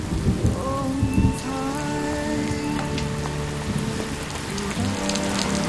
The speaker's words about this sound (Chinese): 我还以为我们又要错过这场大雨。